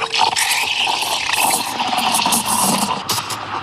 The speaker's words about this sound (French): Et ensuite, on met son lait dans le pichet, on va aller le chauffer à la buse vapeur de la machine à expresso.